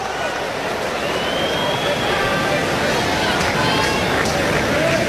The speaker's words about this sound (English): Well, you can hear the Sooner fans making noise,